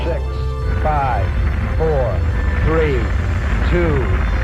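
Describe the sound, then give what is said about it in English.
Rocket engines thunder at the Apollo 11 liftoff, a steady, heavy low-pitched roar that fills the whole clip while a man's voice speaks in short bursts over it. “All engine running. We have a liftoff. Liftoff on Apollo 11.”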